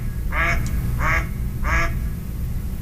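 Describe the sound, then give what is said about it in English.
A mallard duck gives three fairly low, raspy quacks in a steady, evenly spaced rhythm, clear over a constant low rumble of background noise. “Okay, so that's a fairly low sound.”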